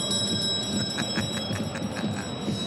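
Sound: bell ringing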